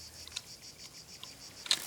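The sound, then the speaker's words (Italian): Male cicadas sing in summer, a chorus competing in love songs for a female: a steady, high-pitched buzzing drone with faint pulsing and a few sharper clicks near the end, with no voices. “La cicala deve fare la sua scelta tra tutta questa folla.”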